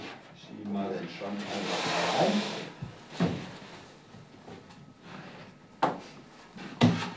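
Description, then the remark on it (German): A made-to-measure wooden drawer cabinet scrapes and rumbles as it is slid into place during installation for a couple of seconds, followed by several sharp knocks and thumps as it settles. “Mal den Schrank einfach rein. Jetzt werden einfach die Einsätze.”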